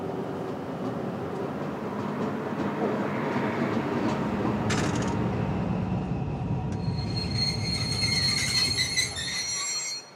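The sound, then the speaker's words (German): A train rumbles steadily as it rolls through a station, heading toward Wilhelmshaven, then metal wheels start shrieking with a piercing, high-pitched squeal over the last few seconds before the sound cuts off. “Jetzt fahren wir erstmal durch den ganzen Bahnhof durch bis zum Ende.”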